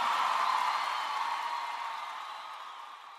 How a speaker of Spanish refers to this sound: Un aplauso a esos músicos que me acompañen.